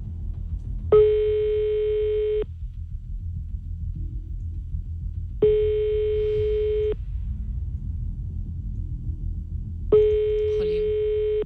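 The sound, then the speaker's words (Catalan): A telephone ringback tone on an outgoing call, three long steady buzzing tones about four seconds apart, fairly clear over a low background rumble with no talking. “Anem molt forts, només falta que ens agafin el telèfon.”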